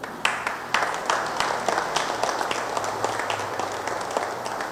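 A crowd applauds steadily for nearly five seconds, a dense, even patter of many hands clapping at moderate loudness, with no voices standing out.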